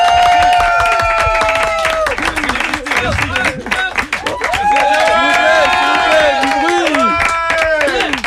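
A large festival audience bursts into loud, sustained applause welcoming a guest, dense clapping running the whole time with shouts and whoops of cheering rising over it, energetic throughout.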